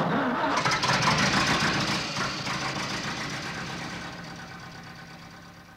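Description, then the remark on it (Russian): A vehicle motor cranks and catches, started for a drive to Shchegry, roaring up loudly at first, then settles into a steady, slightly rough idle that gradually quiets over several seconds. “Ну, а теперь заводи свой мотор,”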